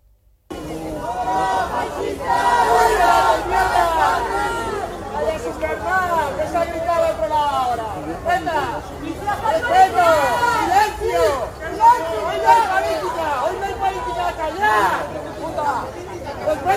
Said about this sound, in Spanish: En medio del minuto de silencio, algunos gritaron fuera fascistas, politizando el tema.